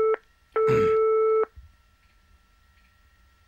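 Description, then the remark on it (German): A telephone line tone as a Radio NZ host calls a listener for a partner phone game on the show Ein Herz für dich: a short beep, then one longer steady ringing tone with a brief crackle, followed by quiet line hiss. No one speaks. “versuche ich jetzt einen zweiten Kandidaten für unser Partner-Telefonspiel zu finden. Mal sehen, ob jemand hier zu Hause ist.”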